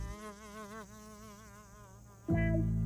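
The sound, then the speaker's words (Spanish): A fly buzzes, its whiny drone wavering in pitch as it moves around, then swelling suddenly louder near the end. “Escuchen. ¿Es un tren? No, es solo una mosca.”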